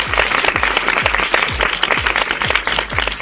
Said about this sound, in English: And of course, if you did the actions at home, we give yourselves a great big round of applause.